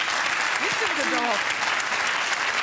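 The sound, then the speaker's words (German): Steady applause from an audience for Amanda Lear, a dense crackle of many hands clapping throughout, with a few brief voices rising faintly over it. “Da klatscht wieder jemand für Amanda Lear.”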